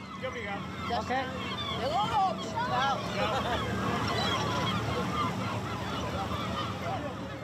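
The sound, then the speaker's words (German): Seagulls call repeatedly in a busy outdoor spot, their squawking cries rising and falling over a steady background of crowd chatter and ambient noise. “Emilia müsste eigentlich immer sehr viel Glück haben, weil immer nur sie von den Möwen getroffen wird.”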